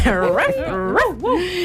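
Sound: dog barking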